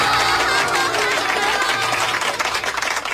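Pupils in a classroom at a primary school near the border clap together to welcome the teacher giving the first lesson, a dense, steady wash of applause that stays loud for about three seconds with no voices on top.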